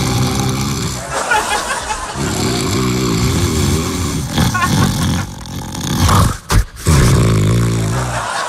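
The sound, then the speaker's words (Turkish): A man snores loudly with a rough, rattling, growling tone, nearly continuous for several seconds, then a brief break before one more heavy snore. No one speaks. “Bu horlamadır.”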